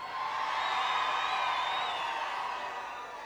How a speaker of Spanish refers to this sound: Quiero escuchar un grito bien fuerte, la gente de 33. Ahora un grito bien fuerte, la gente que viene a otros lares.